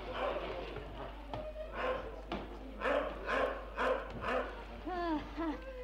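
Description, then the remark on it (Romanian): A dog named Dingo barks several times in a steady, evenly spaced series, moderately loud, over a noisy, rumbling background. “În orice caz, nu-i Negoro, că ți-ar lătra mai furios.”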